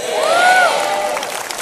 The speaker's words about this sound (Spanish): Dense un grito y un aplauso que yo pueda creer y que otros en Houston puedan creer.